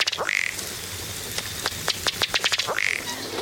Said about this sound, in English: Another water bird that doesn't walk very well is the colorful ruddy duck. Like the loon, it's more at home in water.